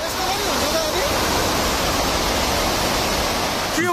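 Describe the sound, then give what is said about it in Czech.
Loud, steady roar of rushing floodwater from the swollen Trishuli River, a dense continuous torrent as the water level rises rapidly, with faint voices briefly audible at the start and end. “Na těch záznamech kamer z oblasti je potom vidět opravdu bleskový nárůst hladiny.”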